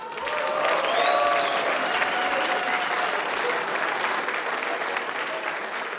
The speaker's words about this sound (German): Wir haben toll bewirtet worden. Applaus für die Bedienungen.